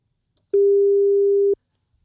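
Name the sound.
telephone ringing tone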